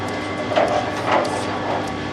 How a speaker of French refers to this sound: Je vais allumer le mixeur. Pour le refroidisseur.